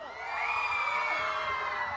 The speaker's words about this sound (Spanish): Que se escuche el grito de las niñas.